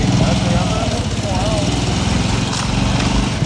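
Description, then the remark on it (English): A motorcycle engine runs steadily and loudly during a night ride along the coast, its low throbbing rumble continuous throughout, with faint muffled voices partly buried beneath the noise. “That night, I take a ride along the coast on a motorcycle”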